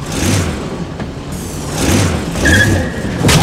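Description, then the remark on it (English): A remote-controlled car, steered by drawing a finger across a touch pad on its remote, drives along with a steady, rumbling motor whir that swells and fades in short surges, with a brief high whine near the end. It's fairly loud, with no talking. “Now, draw your finger very slowly across the pad to drive the car.”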